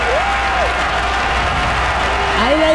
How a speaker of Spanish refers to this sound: Así que aplausos.